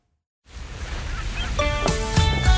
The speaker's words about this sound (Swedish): Ja, det blåser en del i Söderköping, men det är också soligt och varmt.